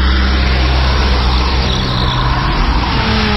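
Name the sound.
car driving off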